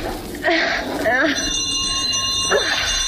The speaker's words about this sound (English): Oh, for crying out loud, that'll waken the dead for sure. Oh, the bell's one of those old Victorian contraptions with miles of wire running through the walls of the house, you know.